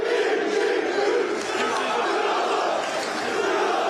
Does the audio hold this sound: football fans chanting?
yes